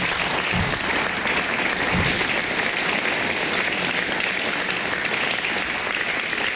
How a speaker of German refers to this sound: Wofür ich außerordentlich dankbar bin. Auch bitte ich Sie hier um einen Applaus.